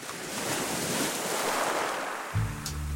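Ocean waves wash and surge in a steady, hissing rush of surf, swelling gently, used as a splash sound effect in a 97.1 Two Oceans FM station identification for Augusta. Near the end a low, sustained tone cuts in beneath the water.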